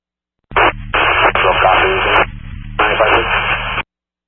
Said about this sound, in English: Copy that you copy, and then you were just static.